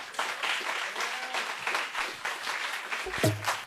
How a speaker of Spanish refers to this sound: Nos despedimos, aplauso.